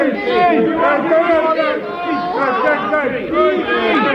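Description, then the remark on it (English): A crowd of toothless, ragged men in brown paper nightshirts clamouring all at once as they come out of an underground dungeon, a dense babble of overlapping shouting voices that stays loud throughout, with no single voice standing out. “Dear listeners, from out of an underground dungeon came a crowd of toothless, ragged men in brown paper nightshirts.”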